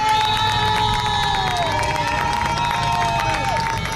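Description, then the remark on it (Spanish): A large crowd with Spanish and Ceuta flags on the seafront promenade in Ceuta, by the Mediterranean, applauds and cheers continuously as police, soldiers and cleaning crews pass. Dense clapping and shouts fill the whole stretch, with sustained wailing tones that rise and fall above the noise. “Por este paseo, lo estáis escuchando, circulan continuamente policías, militares, servicio de limpieza y cuando les ven los aquí congregados, les aplauden.”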